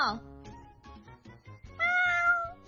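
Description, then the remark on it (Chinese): Mimi, a shop cat that has become a star, meows: a brief mew at the start and a louder, drawn-out meow near the end, while people talk underneath. “系啊，佢而家咧变咗明星猫，好多人都喺我个网页留言，叫我多啲帮咪咪影相 po 上网啊。”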